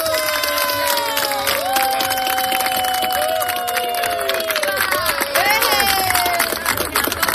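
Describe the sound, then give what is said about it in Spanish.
A crowd applauds and cheers loudly and steadily at the official opening of a new space, dense clapping mixed with many overlapping shouts and high-pitched voices, some sounding like children, for the whole stretch. “¡Fuerte el aplauso!”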